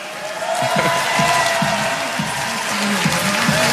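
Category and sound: crowd, crowd cheering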